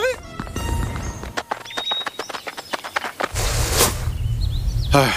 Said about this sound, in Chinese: 光头强没出来，出来头驴， 啥玩意儿？ 公司啥时候有头驴啊？难道是老板养的新宠物？ 这驴好奇怪啊，怎么穿着光头强的衣服？